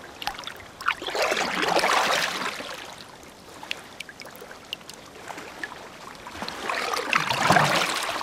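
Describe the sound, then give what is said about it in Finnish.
Water swishes and splashes in two broad surges as a hand sweeps through it over the rail of a rowboat, with scattered drips and trickles in between; no one speaks. “Soutuveneen kaiteen yli on mukava hilutella kädellä vettä.”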